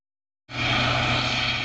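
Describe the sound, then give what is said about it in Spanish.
A Guardia Civil helicopter flies overhead at night over El Rompido in Huelva, Spain, following two boats linked to drug trafficking; its loud, steady engine and rotor drone cuts in abruptly after a moment of silence and holds at full strength, with no voices. “Un helicóptero de la Guardia Civil seguía dos embarcaciones relacionadas con el narcotráfico.”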